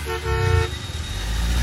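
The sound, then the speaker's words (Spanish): A car horn in traffic blares loudly once for just over half a second, then gives way to a steady low rumble of passing traffic. “Eso de andarte durmiendo en el tráfico.”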